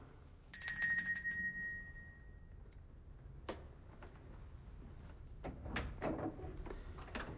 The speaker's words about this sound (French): Une porte s'ouvrit.